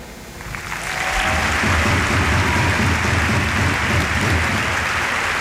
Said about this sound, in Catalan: Aplaudeix el president Joan Laporta, la llotja.